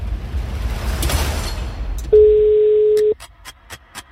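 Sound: telephone call ringing tone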